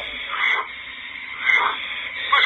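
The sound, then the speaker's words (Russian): A pilot's heavy, labored breathing comes through a muffled, narrowband radio channel while he maneuvers to evade a missile, with three rasping breaths at a steady rhythm over a faint static hiss and no talking. “слышите, как маневрирует? Дыхание слышно?”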